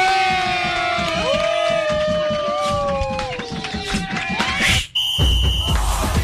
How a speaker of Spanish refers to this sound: ¡Al mejor locutor del mundo! ¡Démosle un fuerte aplauso a Jovita Jovanotti!